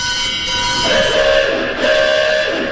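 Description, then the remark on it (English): A sustained, organ-like horn blast from a theater organ sounds over a steady drone, with a second tone shifting in partway through, imitating a car horn honk. No voices are heard. “Car horn.”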